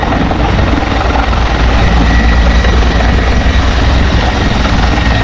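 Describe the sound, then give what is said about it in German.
A helicopter fighting a fire from the air high up on a mountain roars steadily and loudly, its rotor chop and engine drone filling the whole stretch without any pause or talking. “Gerade ganz oben am Berg muss natürlich per Hubschrauber aus der Luft gelöscht werden.”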